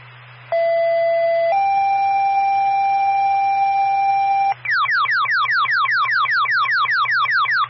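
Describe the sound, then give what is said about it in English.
A radio dispatch alert tone sent out to dispatch an ambulance to a motor vehicle crash with a neck injury on Stoughton Pond Road: a steady electronic beep that steps up to a second, longer pitch, then breaks into a fast, repeating falling warble. It is loud and clear over a faint low hum. “Standby for tone.”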